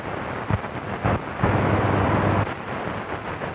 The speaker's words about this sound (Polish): Są jakieś zakłócenia.